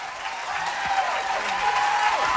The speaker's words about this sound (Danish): Ja, fortjent bifald.